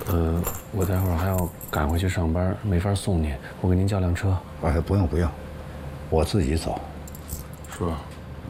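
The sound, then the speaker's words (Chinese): Keys jingle in short metallic bursts as a set of house keys is handed over together with the property deed, partly buried under ongoing conversation between people speaking throughout. “叔，房本跟钥匙您收好了。”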